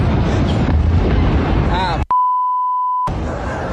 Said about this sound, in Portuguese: Em poucos minutos, o fogo se alastrou pela fábrica. Olha, mano. Vídeos feitos por testemunhas mostram explosões dentro da fábrica e pessoas correndo para deixar o local.